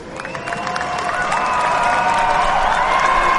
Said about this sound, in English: Exactly, and it's time to celebrate. Guys, a big round of applause. Congratulations.